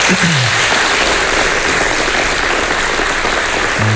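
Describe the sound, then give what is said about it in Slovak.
Steady, loud applause from an audience for a keyboard player at a concert, a dense wash of many hands clapping that holds evenly for the whole stretch, with a few faint low tones underneath. “Ďakujem za potlesk pre ňu.”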